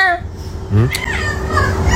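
A cat in a played video clip meows in response to a phrase spoken to it, a couple of short, drawn-out calls over a steady background hum, moderately loud, with no clear talking.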